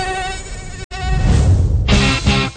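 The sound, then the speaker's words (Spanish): A mosquito's thin, whining buzz hums steadily, cutting out for an instant before returning and wavering in pitch. No voices are heard. “Sumérgete en el subsuelo del metro de Londres para seguir el rastro de un mosquito y entérate cómo su evolución revela que nuestras ciudades son ecosistemas que moldean la vida a un ritmo inesperado.”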